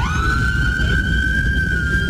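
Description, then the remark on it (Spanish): A police siren holds a steady, piercing wail over the constant low rumble of street traffic, fairly loud, as police come to reopen traffic that had been closed for a teachers' protest. No one is speaking. “Bueno, ustedes están escuchando algunas sirenas. Mira, está la policía que viene a abrir el tráfico.”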